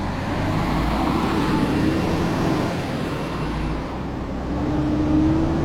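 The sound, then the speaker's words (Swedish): A fire truck's powerful engine rumbles steadily as it pulls out of the fire station with the firefighters aboard, a loud, continuous low drone with the motor's pitch climbing toward the end as it gathers speed. No voices. “Det är nätt och jämnt att de hinner med när Ernie kör ut från brandstationen.”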